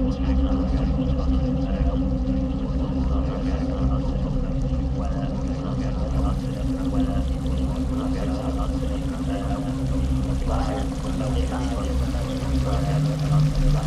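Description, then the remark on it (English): Meltwater from a small pool at the melting front of a glacier pours steadily over the edge of a cliff into a waterfall, a continuous rushing and splashing with a deep rumbling undertone that holds at an even loudness throughout. “And now it reached the edge of the cliff, and there was a small pool where the glacier was melting at the front, where it was just starting to go down a waterfall.”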